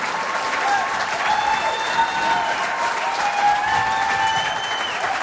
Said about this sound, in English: Ladies and gentlemen, at this time, the star of our show, and how about a great big round of applause?